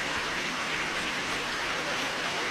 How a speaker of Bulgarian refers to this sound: Бурни аплодисменти, абсолютно заслужени, невероятен звук демонстрира този оркестър.